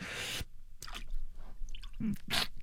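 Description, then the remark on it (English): Arms plunge into cold water with a burst of splashing and sloshing, followed by a few wet squishes and drips, moderately loud, with no talking. “Now it's time to dunk our arms in the cold water.”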